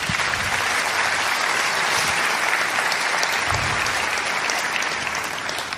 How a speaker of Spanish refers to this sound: Dar un aplauso a Dios.